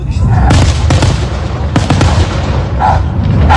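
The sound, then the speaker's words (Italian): Fireworks explode in a loud, continuous barrage: several sharp bangs ring out over a dense, crackling rumble that never lets up, sounding overwhelming. “i fuochi che si vedeva, la trava questo cane”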